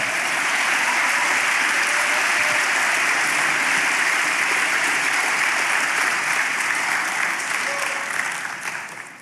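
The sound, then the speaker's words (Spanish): An audience claps steadily and loudly for about eight seconds, applauding the declaration that God will defeat the system, a dense, even wash of many hands, before the applause starts to taper off at the end. “Aplauda por eso, ¿verdad?”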